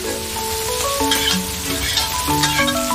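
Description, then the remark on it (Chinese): Purple ginger, pickled mustard greens, pickled chilies and pickled radish sizzle and crackle steadily in a hot wok while being stirred, with scraping utensil sounds and a few faint tonal clinks over a continuous frying hiss. “放调料很讲究啊，我要先把紫姜、泡酸菜、泡辣椒、酸萝卜，一起去煸它。你看它现在香味出来了吧？”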